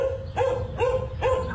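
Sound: dogs barking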